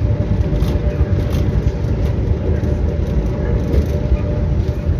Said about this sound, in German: Rund zwei Stunden länger geht mein Weg mit dem Zug in die BCF Arena im Vergleich zu dem in die Swiss Life Arena.